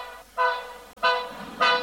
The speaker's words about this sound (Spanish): Comenzó en esto a pitar el tren.